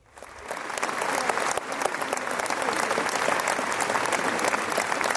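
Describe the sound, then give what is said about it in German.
Steady, polite applause from the audience at the end of the premiere of Verdi's La Traviata on the lake stage (Seebühne) of the Bregenz Festival, in dry weather: a dense patter of many clapping hands that rises quickly and holds at an even, moderate level without cheers or shouts. “Höflich enden wollenden Applaus gab es am Ende der Premiere der ersten La Traviata auf der Seebühne.”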